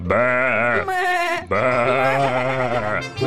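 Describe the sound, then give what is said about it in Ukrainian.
Sheep stamp and bleat loudly, two long wavering cries back to back with a brief break between them, with no talking. “Вівці затупотіли, забекали.”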